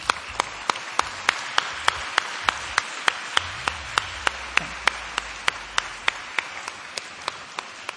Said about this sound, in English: Let us once again express our gratitude to all the honorees with a resounding round of applause.